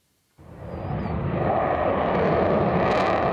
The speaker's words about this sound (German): Ein bisschen wie Szenen aus dem Film Top Gun wirken die Vorführungen der Jets über Nordholz. Laut und schnell in engen Kurven ziehen die Eurofighter hier ihre Show ab.